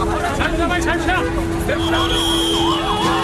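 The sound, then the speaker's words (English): A police bus carrying detained protesters in India approaches with its siren wailing in rising and falling sweeps, loud, over a busy street crowd's murmur and a steady engine hum. “every few minutes, someone was being loaded into a bus. Watch out, there's another one coming.”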